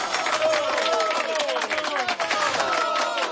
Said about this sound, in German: Ne? Das ist dein Applaus.